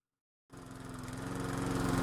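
After a brief silence, a lawn mower engine roars to life and runs steadily, a loud, rapidly pulsing drone that grows slightly louder over a couple of seconds.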